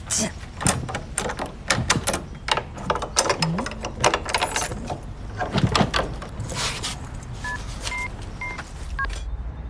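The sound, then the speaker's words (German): A bunch of house keys jingles outside a new apartment in quick, irregular metallic clinks and rattles for several seconds, followed by a short series of electronic phone keypad beeps. “grinst und klimpert stolz mit dem Hausschlüssel”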